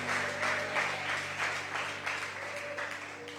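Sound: audience clapping hands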